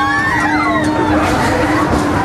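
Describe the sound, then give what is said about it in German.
A crowd of riders screams on Belantius Rache, a spinning swing ride like a large swing ship that also rotates on itself, many high, wavering voices overlapping continuously over a steady mechanical hum and dense background noise, measured at 92.2 decibels. “Bin gespannt, wie viel Kreischalarm wir hier mitkriegen.”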